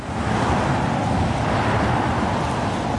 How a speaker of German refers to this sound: Der Kreisverkehr Stahnsdorf-Waldschenke. Ohne Pause fahren Autos hier entlang.